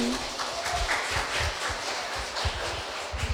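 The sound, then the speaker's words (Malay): A crowd of kindergarten children from TK Piga PG clapping their hands, a dense, steady patter of many overlapping claps that stays fairly even throughout, with no voices standing out. “Tepuk tangan dan tunjukkan semangatmu.”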